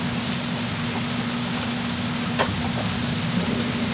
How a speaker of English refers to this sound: Oh, looks like the rain is stopping on us. Maybe it's just a shower.